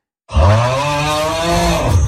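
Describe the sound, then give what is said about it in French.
A single loud, drawn-out snore with a deep, rumbling, strongly voiced tone lasting about two seconds, heard alone, with no talking. “On est sur un ronflement, effectivement, c'était pas un insecte.”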